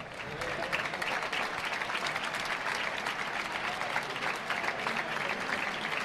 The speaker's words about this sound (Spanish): Pues una ovación cerrada para Morante de la Puebla.